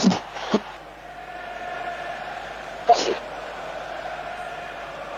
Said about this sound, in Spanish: Se escucha a la gente gritar a pleno, ¿eh?